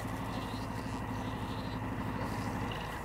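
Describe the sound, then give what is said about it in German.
A car engine idles steadily, a constant low rumbling drone with an even pulse that holds at the same level throughout. “So, dann kommen wir her mit dem Auto.”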